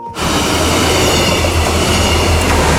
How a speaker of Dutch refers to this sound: En voor het eerst in bijna 11 jaar tijd rijden weer treinen tussen Bad Nieuweschans en Leer. Zo klonk dat dus gisteren op de Vriezenbrücke. Arriva is begonnen met instructieritten op het Nederlands-Duitse traject.